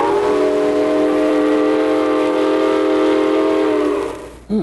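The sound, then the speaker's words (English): A freight train screeches to a stop in the middle of the night, its brakes letting out a loud, sustained metallic squeal that holds steady for several seconds before fading and cutting off with a final clank. “In the middle of the night, the train finally stopped.”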